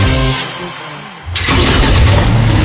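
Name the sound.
car engine revving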